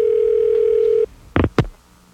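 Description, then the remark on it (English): A steady telephone tone hums for about a second, then cuts off and is followed by two short, sharp clicks, as the call return feature of a telephone system dials back the person who just hung up. “You know, you can use this call return feature on our telephone system here, and I can actually have the telephone call back the person who just hung up on me, right?”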